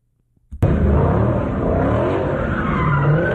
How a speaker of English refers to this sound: Caught on camera, clouds of thick smoke, cars spinning in circles and tires screeching, all as people stand just feet away. The noise just comes out of nowhere.